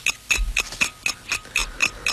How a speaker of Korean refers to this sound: 30분 동안 20문제를 풀어야 했다. 째깍째깍 초침 가는 소리에 83년 겨울 학력고사장에서 가슴 졸이며 시험지를 봤던 그때의 기억이 어렴풋이 떠올랐다.